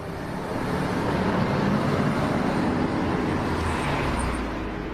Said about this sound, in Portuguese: Bem no meio da cidade do Rio de Janeiro, passando por carros, motos e caminhões, na maior e mais movimentada avenida da cidade, existe um lugar repleto de natureza.